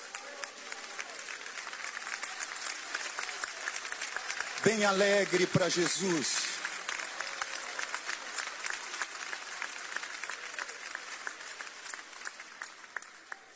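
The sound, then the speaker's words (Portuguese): An audience, asked to sit down after a Bible reading, applauds steadily, a dense, even wash of many hands clapping that keeps going for the whole stretch, while one voice briefly calls out over the clapping partway through. “Podeis assentar e dar uma salva de palmas.”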